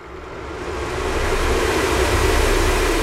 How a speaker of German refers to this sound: Da ist so ein Ventilator schon nicht schlecht.